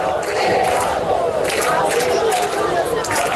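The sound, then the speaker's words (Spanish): A large crowd of protesters camping in Madrid's Puerta del Sol to demand solutions to the housing crisis chants and shouts together in a steady, continuous roar of many voices, loud throughout with no pauses. “Gritan que se quedan en la Puerta del Sol”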